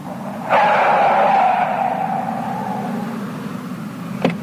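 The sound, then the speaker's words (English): A driverless taxi cab named Mabel rolls in, its engine hum and tire noise swelling then settling into a steady idle, followed by a sharp click just before the end. “Are you one of those driverless cars?”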